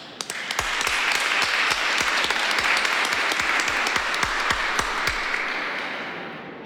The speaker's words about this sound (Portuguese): Parabéns para as mamães também presentes e radiovintes. Uma salva de palmas também a elas, né?